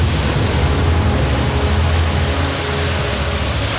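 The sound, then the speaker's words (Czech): A loud, continuous roar of heavy surf and strengthening wind around a sailing ship at sea, with deep rumbling underneath and a dense hiss. It stays steady throughout, with no voices. “Takové vlnobití jsem si nedokázal ani ve snu představit, pane Hawkinse.”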